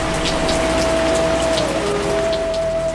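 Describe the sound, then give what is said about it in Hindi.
Heavy rain pours down steadily and loudly, a dense continuous hiss of drops striking surfaces, with a faint steady tone running underneath and no voices. “घनघोर वर्षा की भी चिंता नहीं।”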